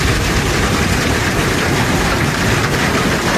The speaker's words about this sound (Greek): Χαμός. Στην ευρύτερη περιοχή της Λάρισας, η χαλαζόπτωση σε συνδυασμό με την ισχυρή βροχόπτωση φέρνουν απόγνωση.